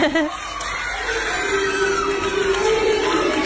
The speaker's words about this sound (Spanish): Sí. Y mirá cómo lo recibieron sus alumnos. A ver. Míralo, escúchalo. Ahí lo vemos y él va sacando la medalla de su mochila. Quieren ver algo dorado, dice. Claro. Y escuchá el grito de los nenes. Sí, felices.